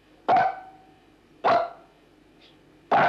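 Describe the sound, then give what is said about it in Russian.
A dog named Pashtet barks three times, sharp and loud, with roughly a second's pause between each bark, counting how many dogs there are (three), over a quiet background with no talking. “Посчитай, сколько у нас собачек.”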